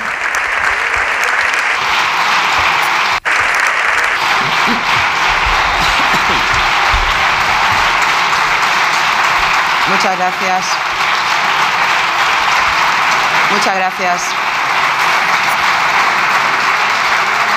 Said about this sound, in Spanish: No es que estén aplaudiendo a Francina Armengol, porque puede, o sea, muchas gracias, siguen aplaudiendo, muchas gracias, no es a ella, es el Grupo Popular aplaudiendo a Núñez Feijóo. Sus seguidores.